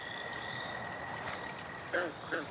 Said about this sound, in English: Then, finally one night... The good old American toad. All right, it is the most common species around, but at least it's a start.